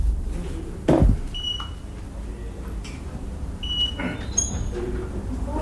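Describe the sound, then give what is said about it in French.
A telephone rings with short, high electronic chirps, two brief tones a couple of seconds apart, followed by a sharper bleep, over a low rumbling background with a few thumps. “Je m'excuse. Je réponds au téléphone.”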